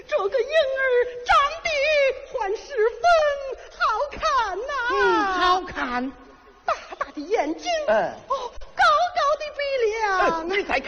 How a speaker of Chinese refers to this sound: 老东西，果真是个婴儿的哭声。